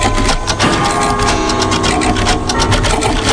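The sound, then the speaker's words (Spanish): A dense, steady clatter of about 230 clocks ticking at once, some of them wound by hand, their beats overlapping out of step into a continuous mechanical rattle. It stays loud and even throughout, with no voices. “Hombre, 230 relojes sonando todos los días, pero cada uno en su sitio.”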